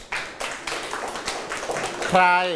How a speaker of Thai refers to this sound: เพราะเมื่อข้าวมีราคาต่ำจะทำให้ชาวนาเดือดร้อนครับ ถูกต้องปรบมือ